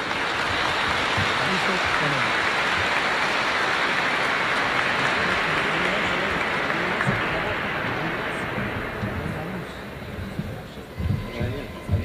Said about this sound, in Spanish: Vamos a recibirles con un fuerte aplauso, por favor.